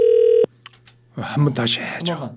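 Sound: telephone ringing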